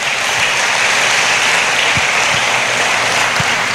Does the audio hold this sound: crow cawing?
no